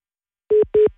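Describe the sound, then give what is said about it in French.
Two short, evenly spaced electronic beeps on a telephone line, each a steady mid-pitched tone: a radio phone-in caller from Rupt-sur-Moselle has put the line on hold. No voices are heard. “Non, elle nous a mis en attente.”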